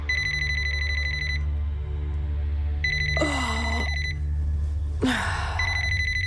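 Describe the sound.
A mobile phone rings loudly and close by, its electronic tone repeating in steady bursts, interrupted by rustling movement and a startled gasp over a low background hum.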